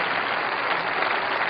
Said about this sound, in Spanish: Denle un aplauso a Jesucristo. Más fuerte, porque está Jesucristo en la plaza.